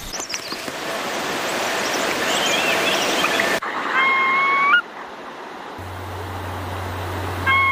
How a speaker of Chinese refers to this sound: 这是高黎贡山非常珍惜的一种鸟类白尾烧红雉的叫声。 它有个学名叫雪蛾，就是在雪线上生活的一种雉类